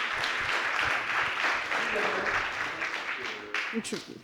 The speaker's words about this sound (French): Je vais appeler l'avocat de la défense et je vous demande de l'applaudir bien fort. Il va nous rejoindre.